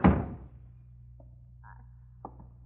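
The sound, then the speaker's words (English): A door is shut against snowy, stormy weather with a single solid thud that fades quickly, followed by a low steady hum and a couple of faint clicks and rattles. “Close that door, Lucy.”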